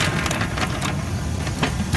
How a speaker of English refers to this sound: That is not what a wheelchair is supposed to sound like. One of his wheels is wobbly.